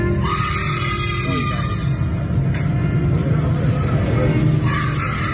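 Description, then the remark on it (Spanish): A distant voice screams 'mamá' in long, drawn-out wailing cries, faint and echoing, from deep inside a dark school hall with the lights off, over a steady low rumble that fills the space. “está escuchando desde lo profundo del salón las luces apagadas, alguien gritando mamá”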